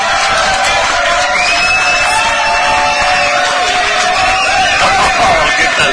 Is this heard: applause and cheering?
yes